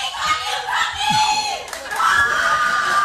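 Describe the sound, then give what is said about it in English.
A lively audience shouts and cheers continuously, with overlapping high-pitched voices and whoops rising and falling, loud throughout. “People come out and they come out loud.”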